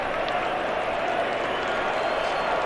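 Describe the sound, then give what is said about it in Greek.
A large stadium crowd at a Croatia–Portugal football match applauds steadily as Croatian player Vlašić is substituted off for Manchester City's Gvardiol, a dense, even wash of clapping and crowd noise that holds at the same loudness throughout without any breaks or swells. “Ο ποδοσφαιριστής της Manchester City παίρνει τη θέση του Βλάσιτς που παίρνει το χειροκρότημα παρά το γεγονός ότι έκανε το πέναλτι στον Βέγκα με το οποίο σοφάρισαν οι Πορτογάλοι.”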